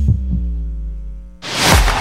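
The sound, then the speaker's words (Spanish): A single low lub-dub heartbeat thumps over a steady, droning electronic hum in a radio station identification, then gives way abruptly to a loud, rushing burst of noise. “La señal internacional que nació para escuchar los latidos de la patria grande.”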